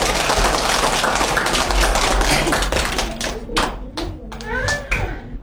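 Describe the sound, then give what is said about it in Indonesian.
A group claps for students about to present an English conversation about using mobile phones smartly, a dense, steady patter that thins after a few seconds into scattered separate claps, with children's voices and chatter coming through underneath. “Mari beri tepuk tangan yang meriah untuk teman kita”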